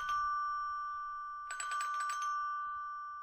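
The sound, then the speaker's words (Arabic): An electronic doorbell rings with a steady, high two-note tone. Midway it breaks into a quick, buzzy trill of repeated pulses, then settles back to the tone. No one speaks. “أنا ماشي أفتح الباب بسرعة.”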